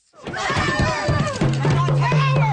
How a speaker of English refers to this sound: Protesters shouting at Nova Scotia Premier Tim Houston as they swarm his car, climbing on top of it, standing in front of it and smashing the windshield.